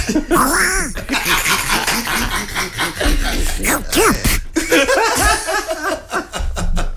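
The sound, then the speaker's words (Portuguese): A raspy, cartoon Donald Duck-like voice, likened to Donald Trump as Donald Duck, quacks and squawks in rapid, garbled bursts for several seconds, loud, with brief chuckling sounds mixed in. “Lá vai o Donaldinho. Não tenho nada contra, atenção, não tenho nada contra. Tenho um bocado... Mas parece o Donaldinho.”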